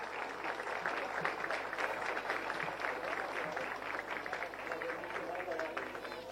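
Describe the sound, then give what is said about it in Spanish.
Sustained audience applause for the first lady of Paraguay, Leticia Ocampos, at the inauguration of the Centro de Atención Integral a la Primera Infancia (CAIPI) in the city of Concepción, a dense, steady wash of many hands clapping at an even loudness throughout, with no break or fade. “De esta forma, con un fuerte aplauso, señoras y señores.”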